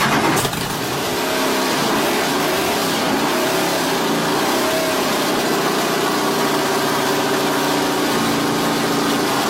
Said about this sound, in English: That is a recording of Bruce McLaren's Can-Am.